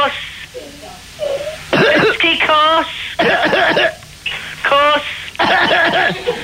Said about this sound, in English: Now, what have I got? Cough. What? A cough. Yeah.